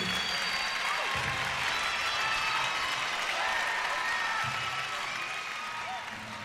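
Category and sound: crowd, concert audience applause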